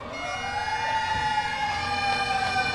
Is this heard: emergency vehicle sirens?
yes